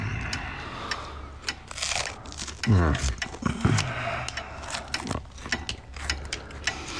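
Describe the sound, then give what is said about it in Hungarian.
Sharp clicks and small ratcheting, scraping noises as someone tinkers with and repairs a lighter, irregular and steady throughout, with a brief murmured voice in the middle. “egy öngyújtót javítgat.”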